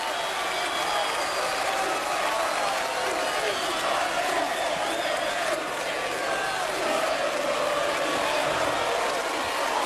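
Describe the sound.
A crowd applauds steadily for the full length, a dense, even wash of clapping with scattered cheers and voices mixed in, holding at a constant loudness throughout.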